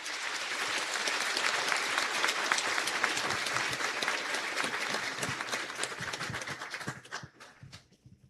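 A church audience bursts into sustained applause to welcome the priest, a seminarian, visitors and pilgrims, many hands clapping in a dense, steady roar for about seven seconds before it quickly thins out and fades.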